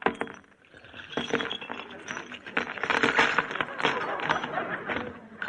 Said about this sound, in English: Here, they're in my purse. Let me have it. Oh, wait, I'll just empty it out on the table.